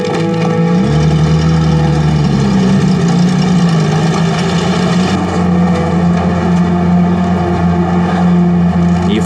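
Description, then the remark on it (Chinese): A motorcycle engine drones steadily and loudly throughout, its low rumbling pitch shifting slightly early on as the rider twists the handlebar grip back and forth while driving, with no voices. “你手在方向盘来回拧，这是摩托车呀。”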